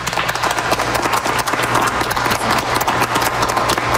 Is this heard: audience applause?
yes